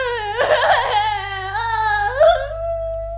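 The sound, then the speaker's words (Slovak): A single voice wails and sobs loudly, a sustained tearful cry that wavers in pitch, breaks into a choked sob midway, then trails off in a long, drawn-out whimpering note, representing Princess Sidónia, who is always crying. “Princeznú Sidóniu, ktorá stále plače.”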